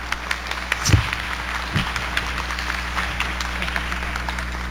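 A crowd applauds steadily, a dense patter of many hands clapping at an even loudness throughout, with a couple of low thumps early on and no one speaking.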